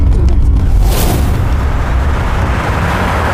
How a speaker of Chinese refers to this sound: 好像不是，出大事了，快走，走，快点，快走， 肯定是爆炸了， 快， 是那位置看了冒烟了。